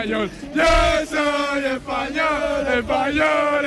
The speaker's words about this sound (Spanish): Pues la fiesta sigue a tope aquí, la gente grita viva España todo el rato